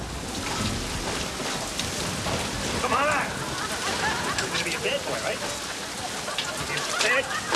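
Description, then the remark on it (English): Steady, heavy thunderstorm rain hisses and patters across the whole stretch without a break, at the door of a vintage comic store, with brief muffled voice-like fragments rising faintly above the downpour now and then. “Ray arrives at the vintage comic store in a thunderstorm.”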